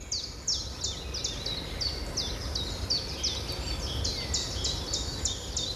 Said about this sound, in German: Und wenn Sie das Fenster öffnen, dann hören Sie sicher auch die Stimmen der Vögel. Denn der Frühling lässt sich nicht aufhalten. Der Frühling ist wirklich da.